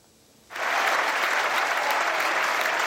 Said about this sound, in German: Der Chef ganz bei sich ein, Bart im Applaus nach diesem 2,5-stündigen Galopp ohne Pause ist verdient, denn jetzt folgt auch gleich der Abschiedsschmerz. Das ist wohl das letzte Mal, dass Sir Donald Ronicles Rheingold in der Deutschen Oper dirigiert.